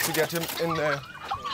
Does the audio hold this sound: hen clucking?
yes